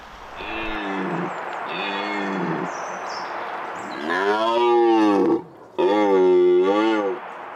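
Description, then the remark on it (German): A red deer stag roars during the rut: four deep, drawn-out bellows, the first two fainter and the last two loud, over steady outdoor background noise. “Und dann hat das Röhren auch ein Ende.”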